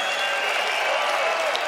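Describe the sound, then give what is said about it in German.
A crowd applauds a band steadily, a dense wash of many hands clapping at an even, fairly loud level with no break, and no voices stand out. “Das ist euer Applaus.”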